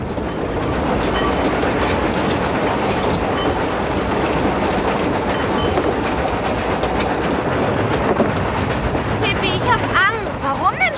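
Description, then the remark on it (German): A train rumbles steadily along the rails with a continuous loud clatter, its rhythmic wheel noise filling the scene for the whole stretch, with brief squealing tones near the end. “Dann kletterten sie auf das Zugdach.”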